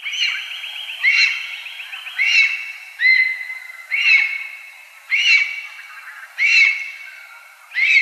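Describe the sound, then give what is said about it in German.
A lesser spotted eagle calls repeatedly, giving about seven clear, high, yelping whistles spaced roughly a second apart, steady, with no voices. “Das war der Vogel der Woche von Radio Korax in Halle mit der neuesten Ausgabe zum Schreiadler.”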